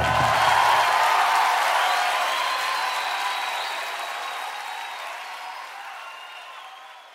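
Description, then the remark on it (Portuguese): Audience applause, a dense steady patter of many hands clapping, loud at first and slowly fading out over about seven seconds, with no voices over it. “aplaudir a ele porque ele é digno.”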